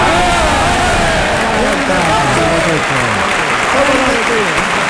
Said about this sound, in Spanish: La ovación ha durado menos que el pase de pecho. Sí. Y ha sido una gran ovación.